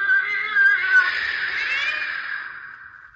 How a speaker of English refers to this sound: It was empty. Only the sound of that cat yowling in the back room.